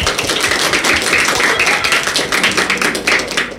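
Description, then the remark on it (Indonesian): A crowd applauds after a fairy-tale storytelling performance, with many overlapping hand claps forming a dense, even patter at a constant loud level throughout, and no voices. “Beri tepuk tangan untuk Askia.”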